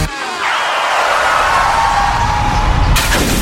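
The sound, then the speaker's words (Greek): A loud, steady rumbling rush builds for a few seconds, then a sudden bright crash bursts in near the end as a car windshield smashes. No one speaks. “Ωχ, πάει το μπαμπρίς.”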